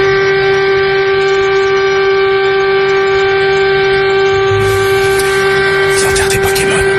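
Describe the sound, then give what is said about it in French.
Sirens sounding at a funeral in Japan during the coronavirus pandemic hold a steady, unwavering tone for the full seven seconds, loud and continuous, with a rumbling noise beneath and a burst of crackling static toward the end. “Vous entendez ces sirènes qui ont résonné pour rendre...”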